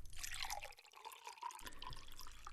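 A drink is poured into a glass: a steady, splashy trickle of liquid with a thin tone that rises slightly as it fills, with a short dip midway. No one speaks.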